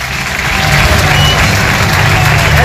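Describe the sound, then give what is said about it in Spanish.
A large crowd of Racing football fans gives a loud, sustained ovation welcoming midfielder Sergio Canales at his presentation at the Campos de Sport del Sardinero, dense clapping and cheering blending into one continuous roar that holds steady for a few seconds. “Es un referente y los aficionados lo recibían ayer con esta gran ovación en esa presentación en los campos de Sport del Sardinero.”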